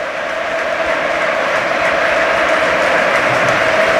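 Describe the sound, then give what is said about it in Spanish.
A huge stadium crowd at the Spotify Camp Nou stands and roars and applauds continuously as Pedro Rodríguez walks onto the pitch, a dense, steady wall of cheering and clapping at full volume with no pauses and no one speaking over it. “Todo el Camp Nou de pie, escuchamos al Camp Nou.”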